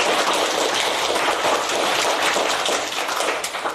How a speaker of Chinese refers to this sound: 将掌声送给菲菲队的小组。